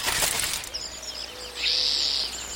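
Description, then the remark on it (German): A raven's quick flurry of wing flaps bursts at the start as it flies away with paper in its beak, then fades, leaving thin, high bird chirps and a sustained whistle in the background. “Er nimmt das Papier in den Schnabel und fliegt davon.”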